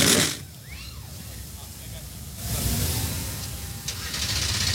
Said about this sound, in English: The engines begin to fire. Trackside 38 NASCAR O'Reilly Auto Parts Series machines come to life.